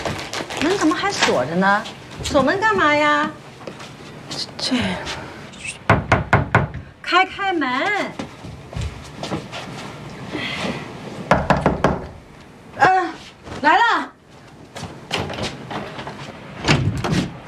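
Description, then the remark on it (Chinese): Loud knocking on a locked door inside a home, in several quick bursts, with pauses between rounds while people speak between and around the knocks. “门怎么还锁着呢？锁门干嘛呀？这，开开门！”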